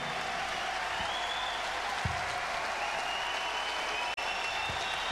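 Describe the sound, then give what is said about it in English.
A crowd applauds steadily, a dense wash of clapping that holds at an even, fairly loud level throughout without easing off. “to have the biggest applause of the evening, because these are the people we're here for.”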